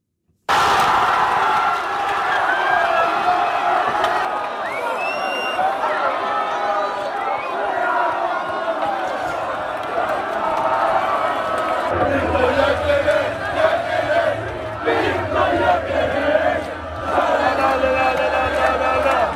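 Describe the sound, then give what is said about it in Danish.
A large stadium crowd roars continuously for about twenty seconds, cheering a football goal that made it 3-1 for Sweden against Norway, a dense wall of cheering and shouting that swells near the end, with scattered whistles and voices above the din. “Ja, det blev 3-1, et mål, som fik stor jubel med på vejen til den svenske morgenfest.”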